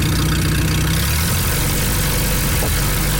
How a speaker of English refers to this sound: Third-generation festival volunteer Glenn Beamish still rides the antique tractor you just heard. He restored it when he was 12.